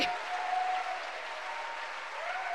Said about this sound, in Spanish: ¿Cuánto le dan un aplauso a la majestad de Dios, a la gloria de Dios que está aquí?